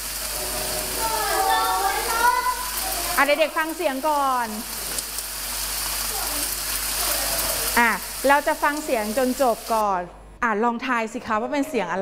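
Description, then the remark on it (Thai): A steady, soft hiss of light rain runs continuously beneath a woman's speaking voice, then cuts off abruptly near the end while she keeps talking. “เสียงนี้คือเสียงฝนทำไมคะเป็นเสียงฝนตกนั่นเองนะคะเห็นไหมคะเด็กๆเคยได้ยินไหมคะเคยได้ยินใช่ไหมคะเสียงเป็นยังไงคะฝนตกใช่ไหมคะเสียงเป็นยังไงคะเปาะแปะเปาะแปะแบบนี้ตกแรงหรือตกเบาตกเบาใช่ไหมคะเป็นยังไงเป็นเสียงฝนที่ตกลงมานั่นเอง”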